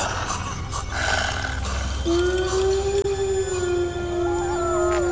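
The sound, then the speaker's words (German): Village dogs howling: a long, sustained howl rises from about two seconds in and holds steady to the end, with fainter howling over a low, rumbling background. “Hören Sie? Die Dörfrunde antworten anscheinend diesem Monstrum.”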